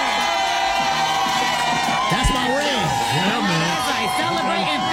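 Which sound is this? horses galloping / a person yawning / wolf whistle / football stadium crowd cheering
football stadium crowd cheering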